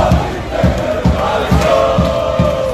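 A loud, dense crowd of Croatian football fans in Philadelphia, at the World Cup match against Ghana, cheering and chanting together, with steady rhythmic thumps repeating about twice a second beneath the roar of voices.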